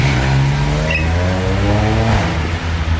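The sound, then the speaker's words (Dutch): A loud motorcycle engine revs steadily with rising and falling pitch as the rider gives more gas and accelerates on a street with terraces, then the tone drops as it rides away, with no one speaking. “Maar zodra ze mijn microfoon zien, dan geven ze nog meer gas en rijden ze weg.”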